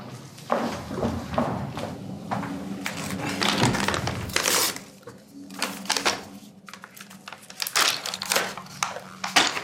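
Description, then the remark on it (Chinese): Repeated crisp crunching bites, irregular and fairly loud, like someone munching a crunchy snack, with brief pauses between bursts of chewing and no talking. “吃不吃？ 不吃。 咀嚼动作有助于降低焦虑。”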